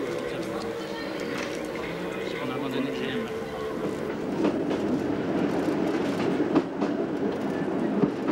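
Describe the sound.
A metre-gauge train runs steadily on single-track rails on the ascent to the San Quirico Pass, a continuous rumbling roar with irregular clacks and knocks from the wheels, growing slightly louder midway, while a voice speaks over it.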